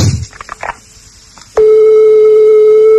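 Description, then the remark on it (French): A telephone ringback tone on an outgoing call to the United States, reaching the fourth ring: after about a second and a half of faint line noise, a loud, steady mid-pitched tone starts and holds without a break to the end. “Alors, quatrième sonnerie.”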